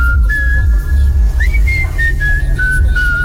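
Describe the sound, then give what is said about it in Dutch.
A short whistled jingle imitating the HEMA store tune, sent as a voice message, a few clear tonal notes rising and sliding in a catchy pattern, with reverb added over a low rumbling background. “… probeerde zojuist om het fluittoontje van de HEMA te doen”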